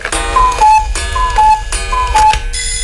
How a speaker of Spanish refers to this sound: Oye, no seas el que siempre llega tarde. Si ya sonó el despertador, no te hagas el dormilón.